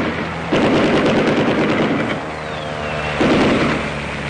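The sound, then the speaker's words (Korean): Loud, rapid bursts of machine-gun fire from dozens of Kuomintang air force planes flying low over the treetops, strafing people crossing a river, rattle in two long volleys, a dense stream of sharp cracks over a low engine drone, with a brief lull between the bursts. “비행기는 나무 끝을 스칠듯이 득이 양양하게 날면서 폭격과 사격을 퍼부었다.”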